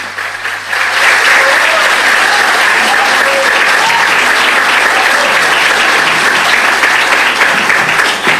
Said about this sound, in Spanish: Vamos a aplaudirlo mientras llega aquí al atril.